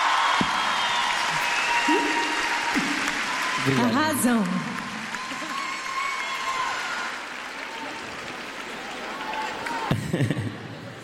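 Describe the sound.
An audience applauds steadily for several seconds for a guest singer, a dense wash of clapping with a few cheers, while a voice speaks briefly over it.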